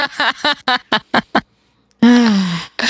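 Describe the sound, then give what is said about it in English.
Geese honk: a quick run of five or six short, nasal calls, a brief pause, then one long, loud honk that slides downward in pitch before another call begins. “wondering why the mall offers geese free reproductive health services with a puke face.”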